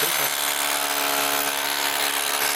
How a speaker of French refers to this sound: C'est la première fois que j'utilise une perceuse, enfin je sais pas exactement le nom, mais. C'est une perceuse marteau percuteur.